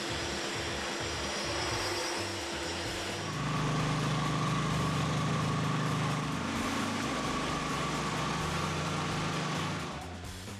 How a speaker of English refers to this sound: Now for the tight corners and around the edges, they're using this handheld grinder that's hooked up to a HEPA vacuum.